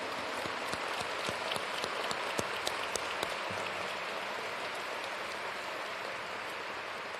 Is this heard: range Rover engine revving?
no